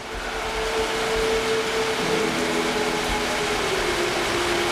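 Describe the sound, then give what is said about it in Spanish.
Rain pours steadily over a football stadium during a minute of silence, a dense, even hiss that fills the whole stretch, with a faint low drone humming underneath and no voices. “El sonido es el de la lluvia.”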